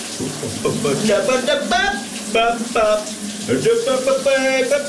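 Shower water runs in a steady hiss in the morning while a man sings a Danish pop song over it, his voice rising and falling in sustained notes.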